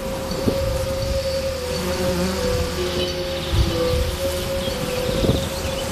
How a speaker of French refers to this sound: Mais on peut observer, il y a vraiment beaucoup d'abeilles actuellement sur cette isope.